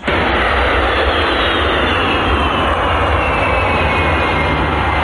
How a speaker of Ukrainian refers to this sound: Про приїзд шефа американської розвідки до Москви світ дізнався, коли військово-транспортний літак США у вівторок приземлився в аеропорту Внуково.